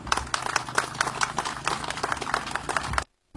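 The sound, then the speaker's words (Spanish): An audience applauds an engineer at a presentation of the technical specifications of a low-bed trailer, in a dense, steady burst of clapping that holds for about three seconds, then cuts off abruptly into silence. “Un fuerte aplauso al ingeniero”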